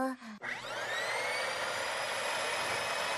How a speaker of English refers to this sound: A vacuum. V-V-V-vacuum. V-V-V-vacuum. V-V-V-vacuum. Does it work?